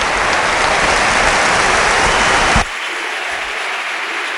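Dense, sustained applause from the crowd at Mestalla stadium for FC Barcelona's number 16, Rodri, as he is substituted off, a broad wash of clapping that cuts off abruptly partway through, leaving a quieter hiss of crowd noise.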